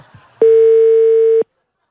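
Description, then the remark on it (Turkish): A telephone ringback tone sounds once while calling someone who does not pick up: a steady, mid-pitched electronic hum lasting about a second, starting and stopping abruptly, after a moment of faint murmuring voices. “Kararsız şimdi telefonu açamıyor.”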